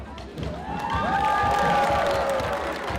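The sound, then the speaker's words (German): A crowd of several hundred spectators gathered in the performers' camp of Anam Kara at the Tänzelfest in Kaufbeuren murmurs and cheers in a dense, continuous wash of voices, with scattered claps and excited shouts rising over the steady din. “Einige hundert Zuschauer haben sich im Gauklerlager von Artistiker Anam Kara versammelt.”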